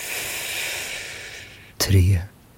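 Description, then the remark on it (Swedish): A long, steady, airy breath drawn in, lasting over a second, then ending in a sudden short voiced huff as the air is let out. “Andas in.”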